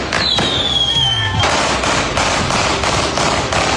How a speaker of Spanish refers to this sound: Con disparos, fuegos artificiales, un auto quemado y sin detenidos, se realizó un velatorio simbólico en la comuna de Quilicura.